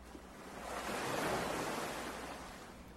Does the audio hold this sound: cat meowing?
no